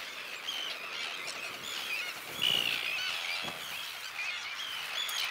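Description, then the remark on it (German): A dense chorus of many terns calling at once, harsh overlapping cries forming a continuous loud wall of noise, from a breeding colony of 435 pairs nesting on an old pontoon at the Banther See on Germany's North Sea coast, with no voices. “435 Brutpaare bauen in diesem Jahr auf dem alten Ponton ihr Nest. Mittlerweile ist die Kolonie am Banther See eine der größten der deutschen Nordseeküste.”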